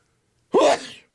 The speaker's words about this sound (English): Pardon me while I sneeze. Just came on me there. Couldn't do anything about it. Can't stop it. Got to let it go.